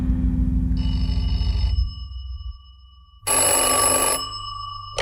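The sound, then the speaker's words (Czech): A telephone bell rings in two bursts, the second loud and bright, separated by a pause, with a low rumbling hum underneath at the start. It is a wake-up call from a telephone service, set for 6 o'clock. No one speaks. “Halo? Tady telefonní služba. Přála jste si vzbudit v 6 hodin, madam.”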